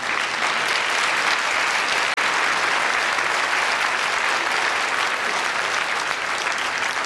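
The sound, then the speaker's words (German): Sustained audience applause at a school class's performance program, a dense steady wash of many hands clapping at an even loudness for about seven seconds, with a brief dropout near two seconds and no voices. “Aber jetzt kommt erstmal dein Applaus.”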